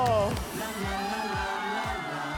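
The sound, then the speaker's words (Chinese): A crowd cheers and whoops loudly for a couple of seconds, with overlapping shouted voices over a steady wash of clapping-like noise. “好，来掌声给他们。”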